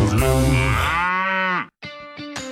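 A loud cow moo stretches for about a second and a half, followed after a brief pause by a shorter, quieter lowing call with a rough, buzzy tone.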